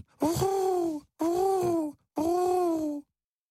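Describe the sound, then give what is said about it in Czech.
Three drawn-out, throaty coos in a steady rhythm, each about a second long with short pauses between, sounding like a human voice imitating pigeons cooing under the roof of a mill, fairly loud. “A po chvíli bylo slyšet nesmělé vrkání.”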